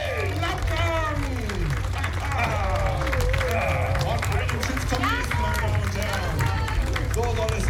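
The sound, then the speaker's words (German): A large crowd at a show roars steadily, with loud cheering and many overlapping excited voices over a constant wash of clapping that never lets up. “Aber unter Tosen im Applaus! Jubel!”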